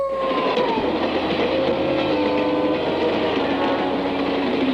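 A rail car rumbles steadily along the tracks, loud, with a continuous rolling roar and metallic squeals and whines over the clatter.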